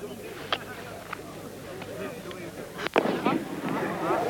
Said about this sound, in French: H-1, la dernière fusée vient de partir, une fusée rouge.